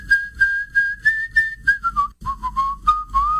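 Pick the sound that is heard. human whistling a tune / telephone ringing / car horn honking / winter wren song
human whistling a tune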